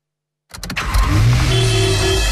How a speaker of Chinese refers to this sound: 城市熙攘，车流不息